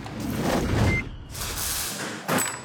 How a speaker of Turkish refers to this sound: Şimdi bu deneme düzenini bir akülü matkapla oraya tutup yüksek basınç tarafında bir şey çıkıyor mu diye bakıyoruz. Hiçbir şey gelmedi.